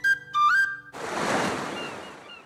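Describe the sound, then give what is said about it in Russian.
Two short, high seagull cries ring out first, then a wash of splashing sea waves swells up and fades, with faint seagull cries drifting above it. No one speaks. “Плеск волн, шум чаек, крики чаек.”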